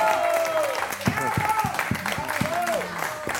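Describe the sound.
A studio audience claps steadily and fairly loudly throughout, a dense wash of applause with a few sharper claps, while voices call out or talk over it.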